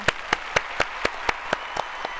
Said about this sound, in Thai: ขอบคุณครับก็คงชัดเจนนะครับข้อนี้ใครได้คะแนนครับ ข้อนี้ตอบถูกทั้งคู่เลยค่ะขอเสียงตบมือด้วยค่ะ